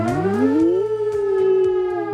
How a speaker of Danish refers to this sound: Det er jo altså første onsdag i maj, og beredskabet tjekker i dag, om vores varslingssystem virker, og det er præcis kl. 12, at sirenen den vil lyde.